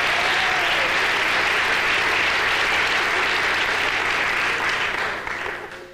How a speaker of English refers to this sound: quickly, how many non-smokers are here tonight? Non-smokers, by round of applause. Let's hear non-smokers.